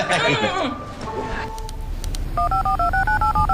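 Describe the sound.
A telephone number is dialed: a quick run of about eight crisp keypad tones in an even rhythm, clear, following a moment of voices and background clatter.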